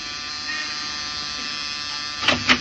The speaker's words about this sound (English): Try the buzzer, Muggerman.